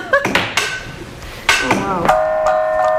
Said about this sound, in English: Ah, there it was. Oh, yeah. The gong is just very subtle.